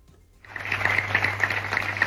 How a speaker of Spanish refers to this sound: Son los aplausos de la ciudadanía de San Vicent.